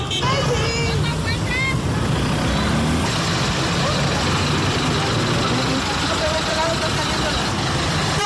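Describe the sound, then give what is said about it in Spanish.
Two large public transport buses, parked across a road to close it during a residents' blockade, idle with a steady low rumble that never lets up, while indistinct voices and street noise mix in around them. “Bien, pues ya también han iniciado con esta toma de dos autobuses del transporte público para cerrar esta vialidad.”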